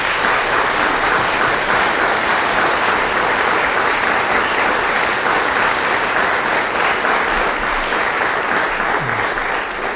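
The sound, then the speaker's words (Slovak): Sustained, loud applause from a large audience for the finalists of the second category of the Slávik Slovenska 2026 singing competition, a dense wash of clapping that holds steady for the full duration without any speech over it. “Tak ešte jeden veľký potlesk pre všetkých.”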